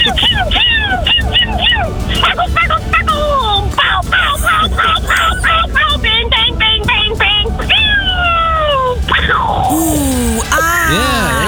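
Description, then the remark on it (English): A voice imitates fireworks, making rapid whistling swoops and short popping bursts in quick succession, then longer falling whistles toward the end. “Pew, pew, pow, pow, bang, bang.”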